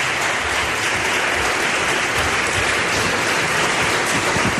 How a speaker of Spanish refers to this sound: Pido un aplauso para ella, que está aquí con nosotros hoy en el Espacio en Blanco.